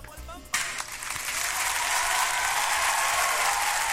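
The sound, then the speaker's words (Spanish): A voice briefly at the start, then a burst of applause that swells quickly and holds steady, a dense, fairly loud clapping from a small crowd continuing to the end. “Así que un aplausito para ellos, pues.”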